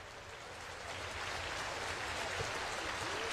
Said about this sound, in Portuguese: Plateia de pé, na Sala Minas Gerais, aplaudindo a performance da Orquestra de Minas Gerais sob a regência de Fábio Mechetti.